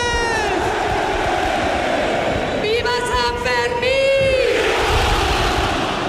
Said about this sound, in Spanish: Con el sonido del cohete y el tradicional grito de pamploneses y pamplonesas.